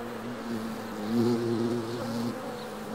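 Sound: honeybees buzzing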